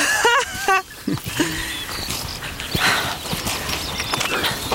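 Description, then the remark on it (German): Mule hooves clip-clop in a steady, uneven rhythm of many sharp knocks on hard ground, with a short burst of voices near the start. “Früher kam man mit dem Maultier hierher.”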